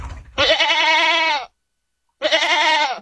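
A goat bleats twice, loud: first a long wavering cry lasting about a second, then, after a brief pause, a shorter quavering bleat. No one speaks.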